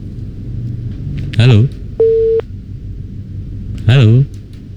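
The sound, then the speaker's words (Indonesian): A steady, mid-pitched telephone busy-tone beep sounds once, briefly, between two short bursts of a voice, over a low, constant rumble, as a radio phone-in call from a caller in Ciasem Gede is cut off. “Wah, terputus sepertinya ya.”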